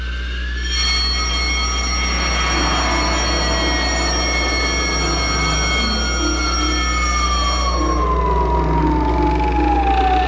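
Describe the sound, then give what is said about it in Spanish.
Loud general-alarm sirens wail continuously throughout a base, set off when a captain presses a button; several tones overlap, one slowly gliding downward in pitch, over a deep steady rumble, with no voices. “El capitán oprimió un botón y una serie de foquillos rojos anunciaron alarma general y automáticamente funcionaron las alarmas en toda la base.”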